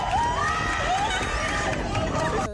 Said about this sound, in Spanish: En Francia, cientos de personas miraron el cielo con gafas especiales. El resplandor de la tarde desapareció poco a poco y en cuestión de segundos llegó la oscuridad. Los aplausos acompañaron el momento.